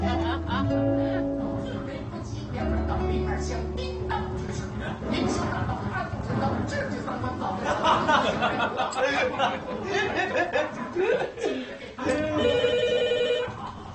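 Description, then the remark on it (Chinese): A telephone rings through a busy room during New Year festivities, its electronic warble rising near the end while several people chatter and laugh. “小杰接电话去。”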